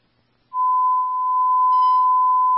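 A steady, piercing electronic dispatch sector alarm tone sounds after a brief silence and holds at one pitch for about two seconds, loud and continuous, with faint higher overtones flickering in near the end.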